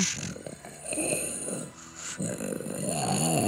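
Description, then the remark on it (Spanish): Someone imitates a growling dog: a low, raspy, rumbling snarl from the throat, sustained for a few seconds with brief breaks and swells in loudness. “¡Ay, qué perro te sale!”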